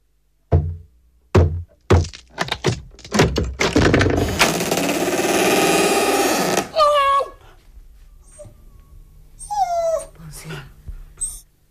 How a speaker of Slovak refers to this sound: prines sekeru, vyraz tie dvere.